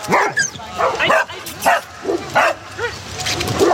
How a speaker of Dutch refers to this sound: Er wordt flink geblaft hier bij het zwembad. De honden zijn met elkaar aan het spelen in het poedelbadje. En sommigen zijn aan de lijn. Anderen lopen gewoon los.